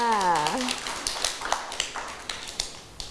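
Children clap in a scattered, uneven burst of sharp smacks lasting a few seconds for a child who has just introduced themselves to the class, starting just after a woman's voice trails off.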